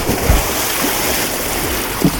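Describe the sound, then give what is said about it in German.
Water splashes and churns steadily from a jump into cold water, a continuous watery rush broken by a few low, heavy plunging thumps. No voices are heard. “So ein erfrischender Sprung ins kalte Wasser.”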